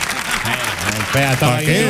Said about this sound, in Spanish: Vamos. ¡Fuerte el aplauso! ¡Dios, qué bonito! ¡Vamos!